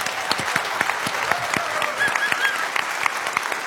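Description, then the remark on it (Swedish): An audience at Konserthusteatern in Karlskrona applauds steadily at the start of the show Det politiska spelet, dense overlapping hand claps forming a continuous, fairly loud wash of sound with no talking over it. “En stor applåd till vår publik.”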